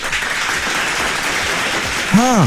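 Steady, dense applause fills the whole clip, many hands clapping at an even level, with a single voice briefly calling out over it near the end.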